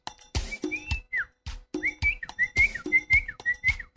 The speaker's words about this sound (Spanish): Hasta ahora es así, con mis hermanos. Eso, cada uno tiene su silbo, ¿no? Característico. Sí, conserven. Es el código secreto. O es el código de primera mano para la familia.